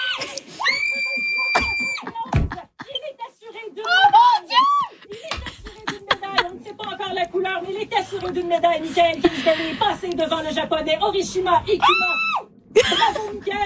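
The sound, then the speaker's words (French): People in a Radio-Canada studio, and family, scream and cheer excitedly as Mikaël Kingsbury is assured a medal in moguls at the 2026 Winter Olympics, high-pitched voices overlapping in loud, continuous bursts of shrieks and whoops, lively with brief dips between outbursts. “Ça crie pas juste en studio, on entend la famille!”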